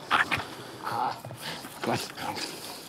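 A 19-month-old Heideterrier, a certified explosive-detection dog of the German Federal Police, lets out a few short, high yips and barks mixed with whiny whimpers, coming in uneven bursts over a faint background hiss.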